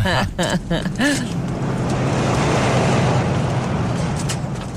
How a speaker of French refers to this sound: Non, mais c'est parce que là, d'un, ils vont nous charger des droits, puis de deux, il y a un char. Voiture!